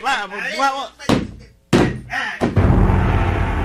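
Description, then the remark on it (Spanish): Workers force open the door of a house in Comayagua with about three heavy bangs, each louder, the last giving way to a rough, sustained scraping crash. A voice is heard briefly before the first blow. “No, muchachos, vamos a abrir la fuerza a esta puerta.”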